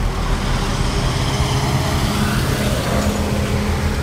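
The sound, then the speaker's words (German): Steady, dense roar of busy road traffic, with cars, buses and trucks rumbling past continuously, low engine drone filling the background without pause. “An einer vielbefahrenen Straße mit Autos, Bussen und Lastwagen ist es für Fahrradfahrer oder Fußgänger besonders wichtig, dass sie gut gesehen werden.”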